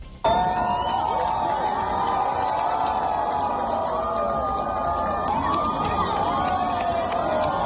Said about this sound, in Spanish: Estos eran los gritos de emoción de las cientos de personas que observaron el eclipse total desde el puente de piedra de Zaragoza.